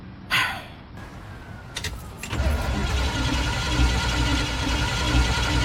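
A car's starter motor cranks in a brief, stuttering burst after an earlier sharp noise, then the engine catches and settles into a steady, loud low rumble with no one speaking.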